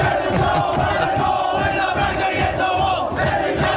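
The Dolphins NRL team cheering and shouting together in the locker room after their grand final win over the Penrith Panthers, loud and continuous, with overlapping yells and whoops throughout, as cold beverages are thrown around.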